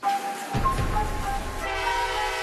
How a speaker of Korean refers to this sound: 야, 기차역이 엄청 붐비네. 내가 잘할 수 있을까?